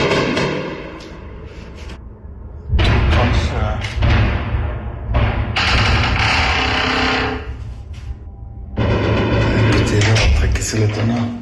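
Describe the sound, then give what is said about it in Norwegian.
Heavy explosion thuds boom several times during a Russian night-time air attack on Ukraine, deep and rumbling with long low roars that linger between blasts, fairly loud though somewhat distant, while a person talks nearby. “ble vekket av voldsomme drønn midt på natten.”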